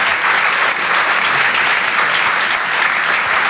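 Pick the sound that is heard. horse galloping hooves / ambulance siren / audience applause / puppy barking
audience applause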